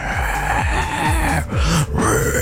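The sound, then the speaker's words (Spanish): A voice imitates a zombie, making a continuous low, raspy groan with rhythmic guttural pulses and growling inflections, loud and sustained with no words spoken, recorded as a voice note. “Nada más mandame una nota de voz con tu mejor sonido de zombies, ya sea un...”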